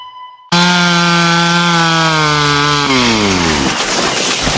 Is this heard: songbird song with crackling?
no